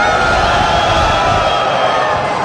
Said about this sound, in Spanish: A ver, un grito a los hombres. Una, dos, tres.